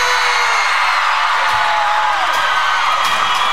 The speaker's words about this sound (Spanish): Bueno, ¿quieren otra? Que se oiga el grito para recibir otra vez